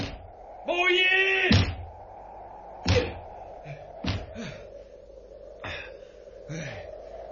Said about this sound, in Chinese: 唉，拍咗咁耐门，拍到我手都痛晒添。